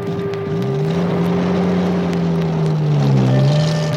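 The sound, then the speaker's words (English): An Indian Army officer's jeep, driven by a soldier through the countryside, drones steadily, its low engine hum rising and falling slightly in pitch, loud with rushing wind noise around it. “Since he was an officer, he had a special car called a Jeep. and a soldier to drive it for him.”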